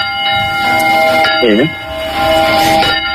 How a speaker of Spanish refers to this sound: Granja de la Costera, un pueblo de Valencia de 300 habitantes, vota hoy para recuperar el sonido por la noche de las campanas que dan la hora y que dejaron de hacerlo por la denuncia de un vecino.